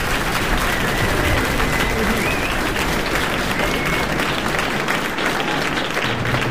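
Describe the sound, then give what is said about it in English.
A live audience applauds steadily at the end of a live recording, dense clapping at an even, fairly loud level for several seconds, with a few faint whistles threaded through the crowd noise. “You can applaud, too.”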